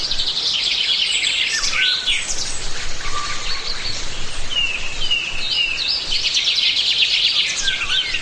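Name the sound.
wild birds singing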